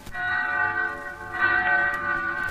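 Bells ringing in town in Pensy on New Year's night, with a rich, sustained metallic tone, struck again partway through so the ringing swells and lingers, fairly loud and steady with no voices.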